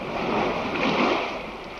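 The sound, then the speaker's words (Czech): A steady, broad roar of sea waves surging without pause, dense and fairly loud, with a slight swell near the middle and no voices. “Slyšíš, jak vlny hučí?”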